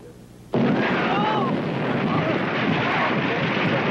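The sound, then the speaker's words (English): A sudden, loud explosion below deck on a ship bursts out of near silence and rolls into a sustained, roaring rumble of turbulent noise, with faint shouting voices buried in the din. “Explosion, Captain! Below deck!”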